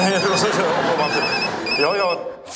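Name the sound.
phone ringing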